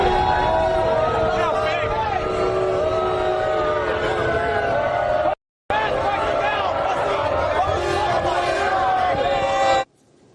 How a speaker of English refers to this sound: Donald Trump being lustily booed when he arrived at the venue tonight in New York. This was him being booed inside the venue when people spotted him during the national anthem.